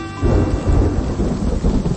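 A heavy rainstorm hisses steadily while deep, rolling thunder rumbles underneath, swelling in waves across two seconds with no voices present.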